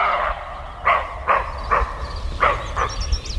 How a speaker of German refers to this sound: Ich habe noch nie ein Reh gehört, was gebellt hat, deswegen war das für mich ein bisschen komisch. Also ich bin erstaunt, weil ich dachte immer, Rehe wären so ganz ruhig.